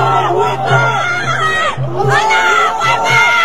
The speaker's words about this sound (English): And the pro-Hamas goons, they're chanting Allahu Akbar. They're in Brooklyn.